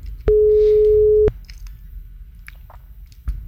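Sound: telephone ringing tone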